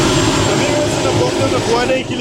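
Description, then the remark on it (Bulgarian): Loud, steady roar of a Bulgarian Army Cougar military helicopter approaching a forest fire to fight it with a Bambi water bucket, its engine whine and thudding rotor wash filling the air continuously for a couple of seconds. “Хеликоптера се доближава до пожара.”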